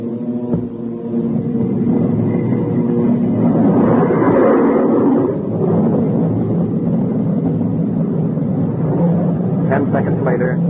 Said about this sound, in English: Slowly we edged to 175 miles per hour, then 200, the lowest speed at which our jet engines would function. When the B-29 hit 225 miles per hour, Captain Mayo and the B-29 pilot had a short conversation. Then Captain Mayo switched on our jet engine.